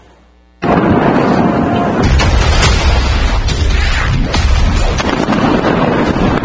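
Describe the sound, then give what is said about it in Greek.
A sea drone explodes powerfully at the Romanian port of Constanța on the Black Sea, bursting in abruptly after a brief quiet moment, after it was trapped in an anti-pollution barrier near oil facilities. A loud, sustained roaring rumble with crackling and wind buffeting continues to the end. No one speaks. “Ισχυρή έκρηξη συγκλονίζει το ρουμανικό λιμάνι της Κωνσταντζά στη Μαύρη Θάλασσα.”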